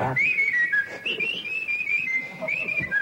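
A person whistles a made-up tune, a wandering melody, the clear tone gliding up and down through several notes without pause, fairly loud, with a faint murmur of background noise beneath.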